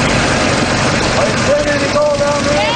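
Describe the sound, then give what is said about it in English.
A suction dredge engine used for gold mining on the Salmon River runs loud and steady, its hose vacuuming sediment into a box on the dredge; a dense rumbling roar with a thin whining tone that drifts in pitch over the constant drone. “The hose acts as a vacuum and sucks up sediment into a box on top of the dredge.”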